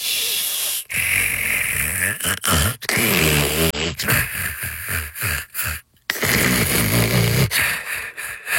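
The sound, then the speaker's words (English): A person snores loudly and repeatedly, each breath a rough, rasping rumble with snorting, grunt-like edges, separated by short pauses, with no talking. “If the last 9 seconds were annoying, imagine a whole night. Now imagine a Leva Sleep adjustable bed with personalized anti-snore mode”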